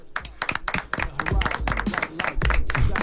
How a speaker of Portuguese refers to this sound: Pede palmas.